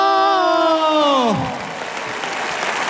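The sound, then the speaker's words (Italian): A crowd claps steadily as the overall winner of Musicultura 2026 is announced, while a loud whistle glides downward and cuts out about halfway through, leaving dense applause to carry on alone. “Allora, qualcuno applaude in maniera molto convinta, qualcuno fischia.”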